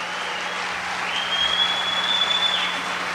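A crowd applauds a band steadily, a dense wash of clapping that holds at an even, fairly loud level for the whole stretch, with a faint high tone sounding briefly partway through.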